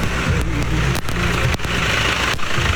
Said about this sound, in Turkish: Yolda bakın traktör de bize doğru geliyor. Traktörde hanımefendiler var.